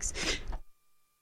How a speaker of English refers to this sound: Sorry about that, just had to sneeze.